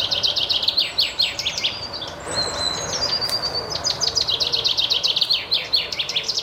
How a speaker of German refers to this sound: Besonders im Blick stehen dieses Mal die Finken. Doch wie klingen eigentlich Finken?